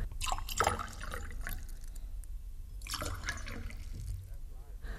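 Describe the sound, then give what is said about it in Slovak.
Fresh water pours from a jug in uneven splashing gushes, fairly loud, with faint murmuring voices underneath. “A dajte mi doniesť krčak čerstvej vody. A pre pánov krčak dobrého vína.”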